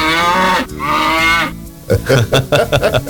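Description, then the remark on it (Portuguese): A person imitates a cow, letting out two long, loud mooing bellows with a strained, wavering tone, followed by a quick burst of choppy, rhythmic vocal sounds. “Eu sei que ela berra assim, entendeu?”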